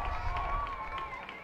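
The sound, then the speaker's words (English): A baseball stadium crowd cheers and roars steadily, urging on batter Kaybert Rodriguez of the Round Rock Express against the Isotopes at a 2-2 count, a dense, sustained wash of voices with no individual words standing out, holding a fairly even loudness throughout. “Crowd trying to urge on Rodriguez.”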